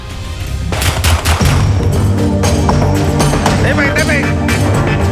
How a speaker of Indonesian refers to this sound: Aparat kepolisian terpaksa melepaskan tembakan peringatan ke udara dan bergulat dengan pelaku pembobolan rumah yang hendak kabur saat ditangkap di Kota Makassar, Sulawesi Selatan pada Kamis malam.